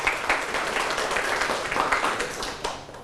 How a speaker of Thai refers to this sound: ปรบมือให้กลุ่มที่2แล้วก็กลุ่มที่1ครับ